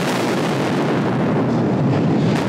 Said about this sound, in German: Eine Staubwolke später riecht es leicht nach Ammoniak. Das ist so nach Explosionen, wird mir erklärt. Dafür gibt es die großen Lüftungsschläuche an der Tunneldecke. Im Schnitt haben wir am Tag zwischen 4 und 5 Sprengungen.